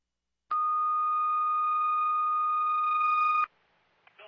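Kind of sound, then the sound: signal or alarm, fire dispatch alert tones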